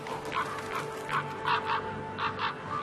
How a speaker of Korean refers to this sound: 하지만 까마귀들의 방해를 받는 건 마찬가지군요. 겨울 동안 까마귀들은 소란스럽게 무리지어 다니며 타이가 곳곳에서 먹이를 찾습니다.